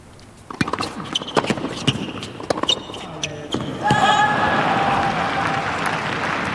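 A tennis ball is bounced repeatedly on a hard court by a player before a serve, a steady series of sharp thuds, followed by a wash of crowd and court noise with a faint squeak.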